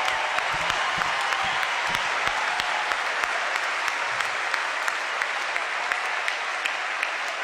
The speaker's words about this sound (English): And some of the directors and counselors are here tonight, which I'd love to give them a huge round of applause. Thank you. Thank you so much.